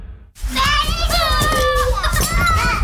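A woman's toddlers play and babble, high-pitched little voices chattering and squealing continuously over a busy, clattering background.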